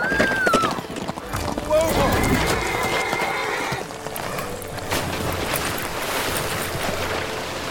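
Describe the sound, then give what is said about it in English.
A horse whinnies sharply near the start, then hooves pound in a fast, steady gallop as the horse heads toward a cliff, under a rushing, noisy background, with voices calling out to the rider to jump off. “Jump off the horse!”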